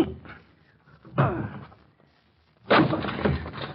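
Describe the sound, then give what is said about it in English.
A locked study door is forced open: a heavy thud against wood, a pause, then a louder crash with rattling and splintering as it gives way, with no talking. “I'm going to break in the door.”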